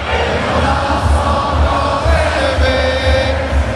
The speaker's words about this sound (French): Dans les gradins, une foule joyeuse, des visages peints en bleu, blanc, rouge. Et la Marseillaise en ce 14 juillet. Une Marseillaise entonnée à plein poumon